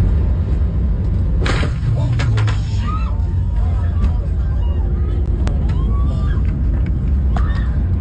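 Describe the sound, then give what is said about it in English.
A loud, steady low-pitched engine roar fills a Frontier Airlines airliner cabin during takeoff, with faint indistinct voices and a few brief clatters over the continuous rumble. During this takeoff the engine hit and ingested a person. “This is the sound inside the cabin as the plane, the Frontier Airlines plane, was taking off”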